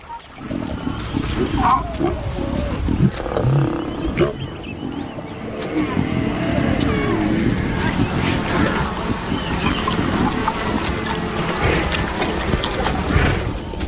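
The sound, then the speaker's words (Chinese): Lions growl and snarl over a meal, a continuous loud run of low, rough rumbles and grunts layered together for the whole stretch, with sharper bursts now and then. “在狮子大快朵颐的同时，大象照例在午后前往河边。”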